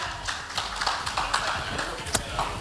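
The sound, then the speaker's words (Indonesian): Audience applause for three delegates at a Hari Raya Idul Adha gathering: a steady wash of many overlapping hand claps, crisp and irregular, holding at a moderate level for a few seconds with no voices on top. “Kita berikan tepuk tangan untuk ketiga delegasi kita.”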